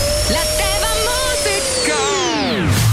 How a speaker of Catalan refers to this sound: No, l'aspiradora encara no.